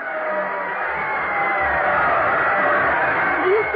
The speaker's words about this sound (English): Listen to that crowd.